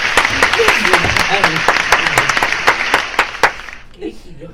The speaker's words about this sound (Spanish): ¡Fuerte el aplauso!